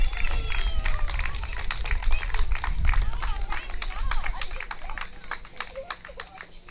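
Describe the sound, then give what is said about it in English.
Audience applause for the under-21 tug of war winners, Team 100: a steady patter of many hands clapping fills the whole stretch, moderately loud and irregular, with murmuring crowd voices mixed in underneath. “A big clap.”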